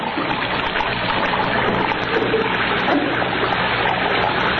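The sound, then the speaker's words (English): Water runs steadily from a basin and spills onto the floor, a continuous splashing rush that holds at a fairly loud, even level throughout, with no voices. “Plug up your base and let the water run on the floor.”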